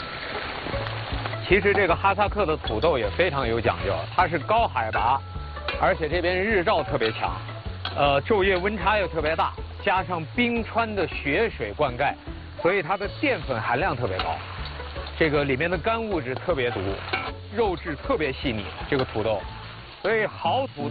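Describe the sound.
Meat and Kazakh potatoes fry in hot Luhua 5S pressed first-grade peanut oil with a steady sizzle and crackle running throughout, mostly under a person talking continuously.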